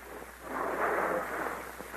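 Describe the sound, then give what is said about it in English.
A man pours water steadily into a barrel to make it heavier. It is a hollow rushing splash that swells after the first half second and holds at a constant, fairly loud level to the end. No voices. “Sound like water. He's putting more water in the barrel.”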